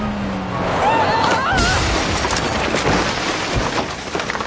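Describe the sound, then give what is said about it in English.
A loud crash as something smashes into a house and its kitchen, with crunching impact, clattering debris and a brief high squeal near the start, the din sustained for several seconds. “You smashed into Benedito's house! Look at his kitchen!”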